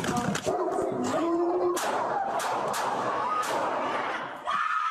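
A dog yelps and whines in high, strained cries, loud, while a police officer shoots and kills it at an apartment complex in Canoga Park; several sharp cracking bangs ring out at irregular intervals amid a noisy, chaotic background.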